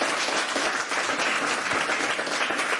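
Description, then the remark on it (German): A crowd applauds steadily to welcome the managing director of the Globe Berlin theatre, a dense wash of many hands clapping at a fairly loud, even level with no talking over it. “Und davon berichten soll uns nun jemand, für den ich Sie um einen großen Applaus bitte.”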